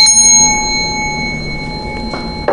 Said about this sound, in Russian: А сейчас всем доброго утра, плодотворного рабочего дня и вот еще раз колокольчик.